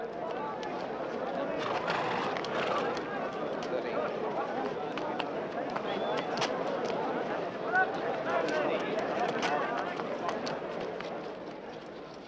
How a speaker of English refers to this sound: Jack is standing beside him as horses and their riders parade past